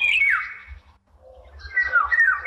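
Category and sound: bird, bird call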